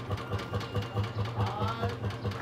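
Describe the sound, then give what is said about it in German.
A tractor engine idles, its low, steady chugging pulsing several times a second throughout, with a faint voice briefly audible over the running motor. “Du mit deinem scheiß Traktor, verstehst du?”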